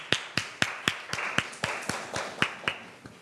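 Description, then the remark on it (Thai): A class applauds in a steady, rhythmic burst of about a dozen sharp, crisp claps, fairly even in loudness and roughly in unison, with no voices over it. “ขอเสียงปรบมือให้เก่งหน่อยค่ะ”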